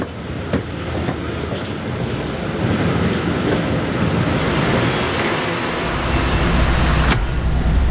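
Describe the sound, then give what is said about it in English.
A bus's engine and systems hum in a steady, loud low rumble as the driver powers up the systems before setting off, with a few sharp clicks and knocks cutting through now and then. No one speaks. “powers up the systems, checks the exterior, then walks the cabin for one final look.”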